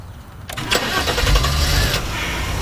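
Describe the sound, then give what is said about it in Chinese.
A car engine is started with the ignition while the steering wheel is held and the brake pressed; it cranks and catches around half a second in, then settles into a steady, fairly loud idle with a low rumble that continues to the end. “第一步，握住方向盘，踩刹车。 刹车。 左边。对，打火。”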